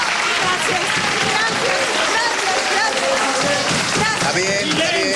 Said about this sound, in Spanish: Un aplauso para esta madre, por favor, un aplauso.